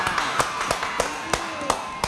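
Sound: applause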